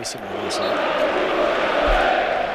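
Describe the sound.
A Rayo football stadium crowd lets out its loud, sustained collective shout, the Rayo chant, a dense wash of many voices that holds steady throughout, with a few individual voices standing out at the start.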